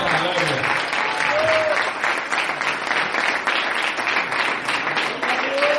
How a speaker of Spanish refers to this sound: El alma, denle fuerte ese aplauso.